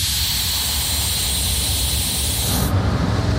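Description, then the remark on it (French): The Petit train de la Mure, an old train with its original 1932 driver's cab, south of Grenoble, braking hard: a loud, steady hiss of brakes over a low mechanical rumble, the hiss cutting off abruptly near the end while the rumble carries on as the train comes to a stop. No one speaks. “Clément est en train de freiner fort.”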